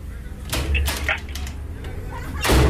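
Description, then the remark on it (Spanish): Several sharp knocks on a door land at uneven intervals, moderately loud, with a final heavier knock, over a low background rumble. “¿Quién toca la puerta?”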